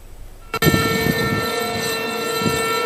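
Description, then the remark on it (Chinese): After a brief quiet moment, an air raid siren, sounded at 9 a.m. at the Flood Control Memorial Tower in Harbin, Heilongjiang, China, on the anniversary of the September 18 Incident, kicks in abruptly and holds a loud, steady, buzzing tone rich in harmonics, with a low rumbling murmur underneath. “在黑龙江哈尔滨防洪纪念塔，悠长肃穆的警报声划破长空，响彻全城”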